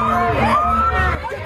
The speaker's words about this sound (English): Hundreds took to the street, middle of the day. Again, just here you go. Blocking traffic, yelling, screaming.